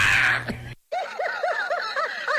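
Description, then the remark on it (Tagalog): A person's voice mimics cats yowling on a roof, a quick series of rising-and-falling wavering cries, loud, after a short burst of noise and a brief silence. “Parang hindi na yun Lion Sugar. Parang yung kung ano yung mga pusa na sa ila sa taas ng bubong niyo”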